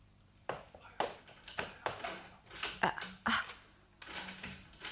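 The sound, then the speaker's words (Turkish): Metallic clicking and rattling, a series of irregular taps and scrapes as someone works a broken, stiff door lock, with no voices. “Kapının kilidi bozulmuş.”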